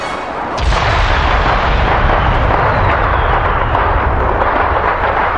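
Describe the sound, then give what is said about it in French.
A sharp blast sets off a dense, continuous roar of booming explosions and crackling bursts, loud, rumbling without pause as a rocket drives into a fireworks tower and the fireworks go off. “La fusée poursuit sa course en entraînant Shang Yu vers la tour des feux d'artifice.”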